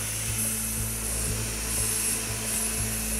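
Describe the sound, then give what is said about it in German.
A surgical drill whirs steadily, a constant high mechanical hum with faint rhythmic ticks pulsing about twice a second. No voices are heard. “Bohrer für mich bitte. Das klingt jetzt gleich wie beim Zahnarzt.”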